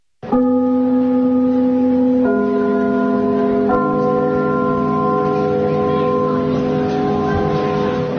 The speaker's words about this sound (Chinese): 听我们开幕的那个钟声， 嗯。 听着这都一种感情， 什么感情？ 所以我们如果在别的剧场去演出，啊，我们一定把这个钟声录下来。